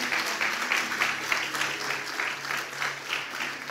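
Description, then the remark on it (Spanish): An audience at a Spanish-language morning sermon claps together for the Lord in sustained, steady applause, a dense patter of many hands at an even loudness for several seconds. “Yo no sé si usted se pone contento en esta mañana, si usted le puede dar un aplauso al Señor, porque Él lo puede hacer otra vez.”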